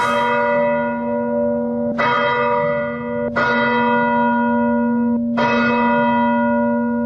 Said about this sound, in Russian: И хоть на месте до сих пор еще работают спасатели и пожарники, с самого утра в храме уже звонят колокола.